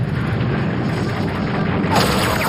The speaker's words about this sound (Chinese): 过桥的时候，一阵密集的炮火向我们袭来，炮弹猛烈地撞击着桥梁，子弹嗖嗖地横飞反弹。